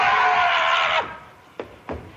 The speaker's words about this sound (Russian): Внезапно дверь распахивается.